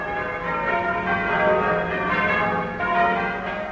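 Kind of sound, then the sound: signal or alarm, church tower bells ringing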